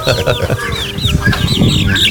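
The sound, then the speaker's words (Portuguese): Chickens cluck and chatter busily at 5:26 in the morning, with overlapping short calls and higher chirping notes repeating throughout, forming a lively, continuous farmyard chorus. “Gente, bom dia pra vocês, são 5h26, agora são 5h26, bichinho, tá tudo cantando aí. Tá tudo acordou já, ó.”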